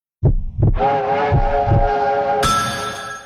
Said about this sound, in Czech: Jedu vlakem Českých dráh.